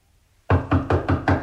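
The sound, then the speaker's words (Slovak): Five firm knocks on a small wooden cottage door, evenly spaced in a steady rhythm, fairly loud, following a brief moment of near silence with no voices. “Ale radšej malá chalúbka ako pustý les. Zaklopať?”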